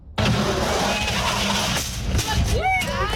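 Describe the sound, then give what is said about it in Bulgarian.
A head-on collision simulator at the road safety event «Drive with Heart and Mind» in Zaimov Park, Sofia, on 3 October: a loud, sudden onset of rumbling, clattering machinery that runs steadily for about three seconds, with brief rising whines toward the end and voices mixed in. “Това, което чухме, е звук от симулатор за челен удар, който е част от събитието «Шофирай със сърце и разум».”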